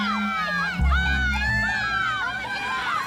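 A crowd of children shouting and yelling together outdoors on a beach, with steady overlapping high-pitched cries and a low rumble.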